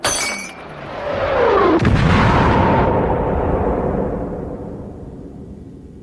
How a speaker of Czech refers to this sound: Přišel jsem k sobě krátce po výbuchu bomby v přízemí v kuchyni.